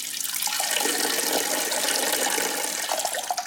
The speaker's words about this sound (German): Ich vermute, viele von uns, denen im Meer schon mal die Blase gedrückt hat, die haben es auch schon mal einfach laufen lassen. So ein paar Tröpfchen im großen Ozean, das wird doch niemanden stören.